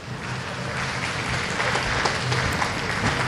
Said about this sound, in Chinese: 嗯，旁边的掌声是送给莫菲和桑卡姆这场比赛的。10局比赛战罢，桑卡姆6-4战胜了肖恩·莫菲，拿到了第一张半决赛的门票。